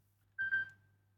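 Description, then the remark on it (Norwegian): A telephone rings once, a brief bright tone that fades quickly, over a steady low background hum, with no one speaking. “Ja, kan det være noe som ringer her?”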